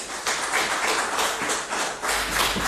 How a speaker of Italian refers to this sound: Accogliamolo con un forte applauso.